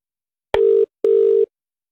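A telephone ringing tone sounds as a call goes through: two steady, buzzy beeps in quick succession, the second a little longer, loud and clear, with no voices.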